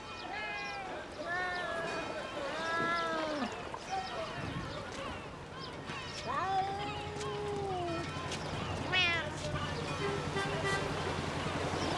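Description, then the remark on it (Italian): Several stray cats meow over and over, their cries overlapping and rising and falling in pitch, against a steady low background hum. “Ci sono gatti randagi ovunque.”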